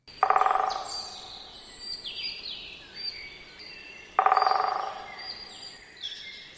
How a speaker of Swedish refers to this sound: Trummandet var det? Kort och liksom ganska intensivt. Ja. Det är en kort trumning som den större hackspetten har. Den har vi ganska nyligen, har väl den liksom nästan slutat trumma.